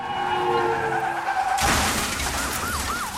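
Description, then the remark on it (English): Car tires screech in a long skid, then a loud car crash bursts out with a crunching wash of noise and shattering glass, followed by a wailing siren rising and falling. “If you're ever involved in a car accident, remember these important three tips.”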